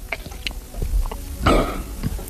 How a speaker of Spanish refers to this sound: Tragar saliva. A ver cómo es el sonido de tragar saliva de este hombre.